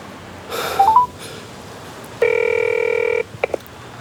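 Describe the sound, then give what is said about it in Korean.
A brief flurry of telephone dialing beeps, then a single steady ringing tone lasting about a second, ending with a couple of soft clicks as if the call connects. No voices. “다시 전화해보자.”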